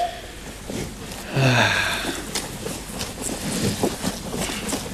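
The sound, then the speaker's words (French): Steady wind rushes across the microphone throughout, a fairly loud, rough outdoor noise with a brief tonal, voice-like sound rising over it about a third of the way in. “Enfin, j'entends un petit truc, mais... C'est peut-être le vent.”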